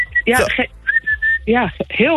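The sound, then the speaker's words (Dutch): A shrill whistle, used to call cats inside, is blown in short, steady blasts, one brief toot followed by a longer sustained note, with people talking loudly around and between the blasts. “Het is een fluit die ik gebruik om de katten naar binnen te halen.”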